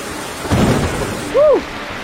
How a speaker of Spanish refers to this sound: Dios mío, está diluviando. Está lloviendo muy fuerte allá afuera. Nos metimos a, como, la escuela y tenemos que esperar a que pase la tormenta.